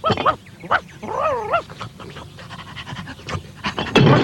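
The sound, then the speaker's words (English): Bumpy Dog pants eagerly, quick breathy huffs mixed with a few high, excited whimpers, ending in a louder burst of noise. “And Bumpy would like to be a milkman's dog.”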